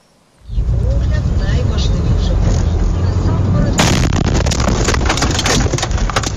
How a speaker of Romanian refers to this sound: Imagini șocante în Ucraina. O cameră de bord dintr-o mașină a surprins momentul în care o dronă kamikaze lovește chiar în mijlocul unei localități.